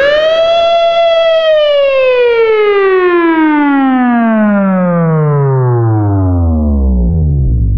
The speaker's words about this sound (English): It was so hot yesterday. The sirens on cop cars sounded like this.